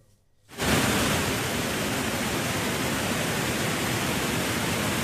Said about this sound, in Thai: เพจ Facebook ของอุทยานแห่งชาติดอยสุเทพปุยจังหวัดเชียงใหม่โพสต์ภาพน้ำตกแม่สาและน้ำตกตาดหมอกค่ะซึ่งมีปริมาณน้ำเพิ่มขึ้นและมีสีขุ่นแดงแบบนี้ค่ะไหลเชี่ยวแรงนะคะ